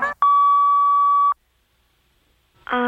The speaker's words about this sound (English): I'm not in right now. Please leave a message at the sound of the beep.